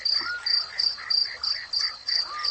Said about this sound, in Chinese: 蟋蟀也按捺不住自己躁动的心，也奏起了交响乐。